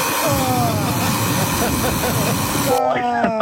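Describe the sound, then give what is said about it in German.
A harsh, loud alarm clock rings with a dense, buzzing electronic tone, then switches to a rapid pulsing beep pattern near the end. “Ja, aber so klingt doch dein Wecker, oder nicht?”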